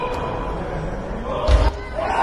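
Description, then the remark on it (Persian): A crowd cheers and roars in a steady, dense wash of noise as weightlifter Ali Alipour lifts 218 kg on his third attempt to break the world total record at 398 kg, broken about two-thirds through by a single heavy, low thud. “مورد تشویق قرار میگیره.”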